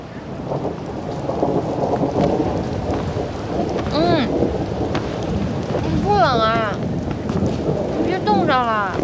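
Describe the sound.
Steady, dense rain hisses throughout, with a low rumble underneath suggesting thunder. Brief voices cut through the downpour a few times.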